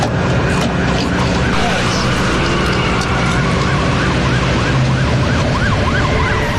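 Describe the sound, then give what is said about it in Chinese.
Several police cars parked outside a parking lot start up and pull away, following a black sedan, with sirens wailing in a steady rising-and-falling pattern over a loud, dense rumble of engines and road noise, continuous throughout. “停车场外停着的几辆警车立即发动，跟上黑色轿车，一同向前驶去。”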